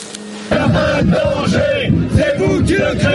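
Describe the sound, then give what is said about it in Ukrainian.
A large crowd of protesters, parents of schoolchildren and members of the General Confederation of Labour trade union, chants at police in loud, rhythmic unison, many voices shouting the repeated phrase "There is no danger, you are creating it" with a steady syllabic beat that swells after a brief, quieter opening. “Жодної небезпеки немає, це ви її створюєте, скандують люди на адресу поліцейських.”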